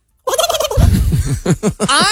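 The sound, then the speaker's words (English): A person imitates a turkey gobble while karate-chopping their neck: a rapid, warbling burst of throaty, wet, bubbling notes that rises into a higher trill at the end, loud and alone for about two seconds. “It's a pretty good turkey gobble, though.”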